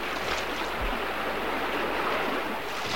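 A steady, loud rush of a big river swollen over its banks, a broad continuous roar of a powerful current, with no voices.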